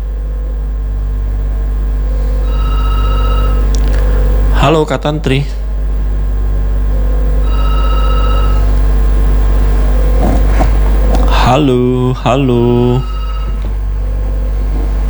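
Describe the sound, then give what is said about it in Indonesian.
A regular telephone line's ringing tone repeats in short, evenly spaced pulses of a steady mid-high pitch, with a low hum underneath and a man calling out greetings between the rings as he tries again to take an incoming call. “Saya jawab lagi telepon biasa apa yang kalau begitu.”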